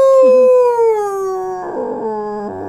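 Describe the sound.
A person imitates an old-time rooster crowing early in the morning with one long, drawn-out vocal call that slowly falls in pitch, then breaks into a wavering, rougher tail before stopping. Loud and alone, with no talking.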